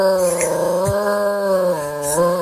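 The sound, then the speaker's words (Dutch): A dog, Smokey, howls in one long, steady wail along with the outdoor air-raid siren being tested on the first Monday of the month; the droning siren tone holds its pitch, dips slightly near the end, then rises again. “Luister maar, jij, als je goed luistert, hoor je ook het luchtalarm. Komt het, let op.”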